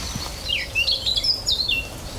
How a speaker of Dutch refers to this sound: We horen nou een zwartkop, onder andere. Dat harde, hè? Even luisteren. Dat is een zwartkop.